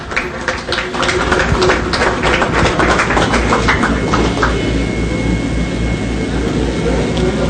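An audience applauds steadily to welcome a young cyclist, the national under-23 road champion: a dense crackle of many hands clapping at once, staying loud and even for several seconds with no voices over it.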